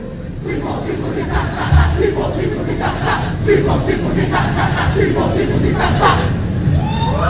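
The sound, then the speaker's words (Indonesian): A group of voices, the delegation from Jembrana Regency, chants a rhythmic cheer (yel-yel) in loud unison on the Arda Chandra open-air stage, repeated bursts of shouted syllables over a steady crowd roar, greeted with lively applause from the audience. “Nggih, luar biasa sekali yel-yelnya disambut dengan tangan yang meriah saking penonton.”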